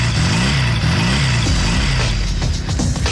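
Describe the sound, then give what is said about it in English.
An engine revs loudly and repeatedly, its pitch climbing and dropping in quick bursts about every half second, with no voices. “All revved up and nowhere to go?”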